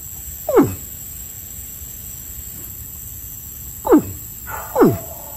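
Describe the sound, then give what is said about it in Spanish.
Three deep, low bellows from a caiman in Vega Baja ring out over a steady hiss of background noise, each a short downward-sweeping rumble spaced a few seconds apart, with no talking. “Ay, como se le levanta todo aquí a ese tipo cuando hace ese sonido, ¿verdad?”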